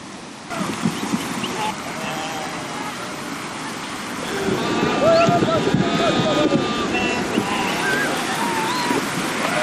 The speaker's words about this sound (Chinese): 对春季刚出生的小马和其他小体型的牲畜而言，过河无疑是一场考验。冰冷的河水没过小马的背部，初次下水的他们还来不及适应，就得马上学会如何在河水中保持平衡。